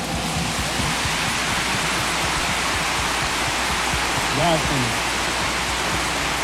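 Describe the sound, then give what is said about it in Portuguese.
A church audience at Mass in a sanctuary applauds the singers in a dense, steady wash of clapping that holds at an even level for several seconds, with a brief voice rising faintly through it near the end. “Antes que o diácono nos despeça, os nossos cantores brilharam muito, nos ajudaram a rezar e merecem uma salva de palmas generosa.”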